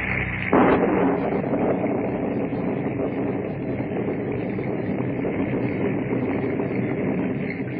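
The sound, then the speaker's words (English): At night, heavy, steady rain hisses without a break as raindrops hit the ground, while a sharp thunderclap bursts in early and rolls into a long, low rumble beneath the downpour. No voices. “Night with wet, pouring rain and monotonous sizzle of raindrops hitting the ground.”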